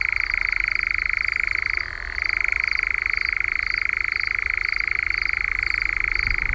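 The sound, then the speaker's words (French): A nightjar's churring song at dusk: one long, unbroken mechanical trill, steady and fairly loud, with a brief drop in pitch partway through before it resumes. No voices. “Mais c'est quand même un oiseau qui sort au crépuscule et qu'on entend chanter et se manifester de différentes façons.”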